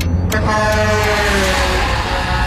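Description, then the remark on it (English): A big truck's horn blares in one long, loud, steady blast over the heavy rumble of its engine as a car pulls in too close in front of it, with no one speaking. “I'm going to pull in front of this truck.”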